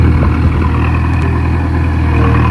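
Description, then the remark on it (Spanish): An excavator's heavy diesel engine rumbles steadily, a constant low-pitched drone with slight fluctuations, as it works on roadworks at a roundabout on Calle Jorge Ruiz de Santayana, closed for the works. No voices are heard. “Escuchamos a la excavadora que ya está trabajando en la rotonda de la calle Jorge Ruiz de Santayana, que va a estar cortada desde hoy por un periodo aproximado de 3 meses, mientras se realizan las obras que ayer anunciaba el ayuntamiento.”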